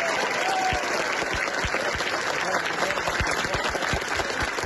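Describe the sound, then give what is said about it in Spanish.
A crowd of residents of Ávila, evacuated from their towns because of a fire, applauds the volunteers who attended them at reception centres in Talavera, a dense wash of clapping with sharper individual claps popping out, holding at an even, fairly loud level throughout with no one speaking over it. “Aplausos, abrazos y palabras de agradecimiento con los voluntarios que día y noche han colaborado con la atención a los desalojados en los centros de acogida de Talavera.”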